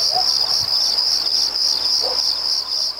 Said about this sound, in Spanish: Ahí está el mosquito, me voy con el mosquito.